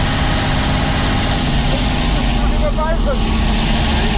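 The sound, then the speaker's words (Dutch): The engine of an old Domo delivery truck, carrying no milk, idles steadily with a low rumbling drone that stays loud and even throughout, with faint voices briefly audible in the background. “Met een oude Domo-auto, maar geen melk bij me.”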